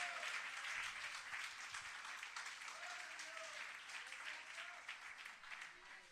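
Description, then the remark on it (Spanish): An audience at a Spanish-language church service claps steadily in praise to God, a dense, continuous wash of many hands that stays loud throughout and thins slightly toward the end, with faint voices calling out beneath it. “Dele palmas de alabanza a nuestro Dios.”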